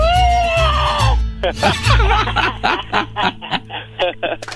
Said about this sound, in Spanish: Échate un grito alterado, viejón.